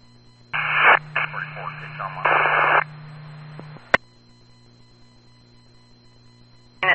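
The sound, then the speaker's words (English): A couple of seconds of harsh radio static with a garbled, distorted voice buried inside, cutting off into a sharp click and then a low, steady electrical hum. “Duty identify static.”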